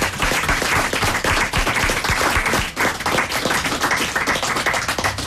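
A crowd applauds steadily, many hands clapping in a dense, continuous wash of sharp claps that stays loud throughout with a brief dip midway.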